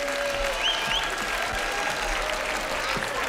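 Steady audience applause welcomes two women musicians, one with a guitar and one with a violin, a dense wash of many hands clapping at once, loud and sustained throughout with a few faint whistles rising above it.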